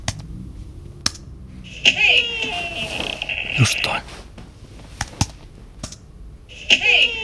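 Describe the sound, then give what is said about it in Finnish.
A cabin door creaks in drawn-out, high squealing groans, once at length and again briefly later, mixed with scattered sharp clicks and knocks while a voice briefly calls out. “Se mökin ovi, minkä edessä mun kimppuun käytiin. Monet mökin ovet narissa.”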